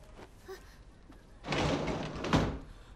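A door is pulled open with a rough, scraping rush lasting about a second, after a few faint knocks and handling sounds. No one speaks.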